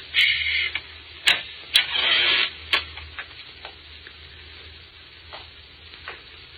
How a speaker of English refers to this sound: Hear footsteps. Yes, and I see the man who's making them.